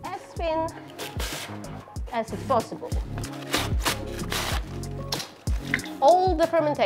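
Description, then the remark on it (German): A knife slices cabbage as finely as possible, to be fermented into sauerkraut for Polish bigos, in a quick, irregular run of crisp, crunchy cuts, while a tonal, voice-like melody carries on underneath. “Als erstes schneiden wir den Kohl, so fein wie möglich.”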